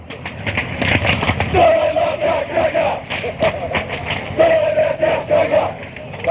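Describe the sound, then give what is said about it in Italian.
A large stadium crowd of football fans chants a taunt in unison at rival fans who have not shown up, are few, or arrived late. The chant is loud and continuous, with sustained sung notes rising over the dense roar of many voices. “questa si grida la tifoseria avversaria quando loro non si presentano lì, o quando sono in pochi, o quando arrivano tardi.”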